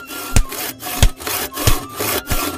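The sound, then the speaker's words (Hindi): A saw cuts steadily through wood in four rhythmic strokes as trees on a riverbank are cut down, each pass ending in a sharp, bright rasp with dull thuds in between, with no voices present. “और फिर वही हुआ जो आमतौर पर होता है, नदी के किनारे बहुत सारे हरे भरे पेड़ थे और अब घर बनाने के लिए वहां के पेड़ भी काटे जाने लगे।”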